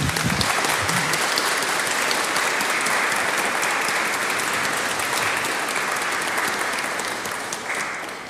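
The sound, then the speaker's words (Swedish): A church audience applauds warmly as a bouquet of flowers is given for someone's years of service, the dense clapping sustained and steady for about eight seconds before starting to thin at the very end. No one speaks over it. “Och så vill vi även ge som en symbol för ditt tjänstgörings för dina tjänstgöringsår en bukett blommor, och församlingen vill ge en stor varm applåd.”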